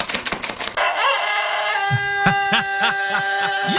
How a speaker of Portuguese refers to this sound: Carregando as galinhas, ah, ó, você fica carregando as galinhas, ó o galo aqui, ó.